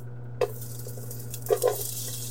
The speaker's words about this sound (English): And I'm going to grab my onions and my ginger, and we're going to go ahead and add that to our pot. When it hits the pot, we want to hear that lovely sizzle. That's how we know that everything's just starting to come together.